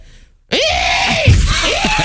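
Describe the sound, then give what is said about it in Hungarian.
A person imitates a hooded crow's call: a loud, harsh, raspy caw drawn out for over a second after a brief silence, with a couple of wavering rises in pitch. “Add a varjú hangot?”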